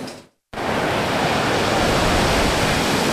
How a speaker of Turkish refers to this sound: Şimdi Yunanistan'daki sel felaketinden görüntülere bakalım.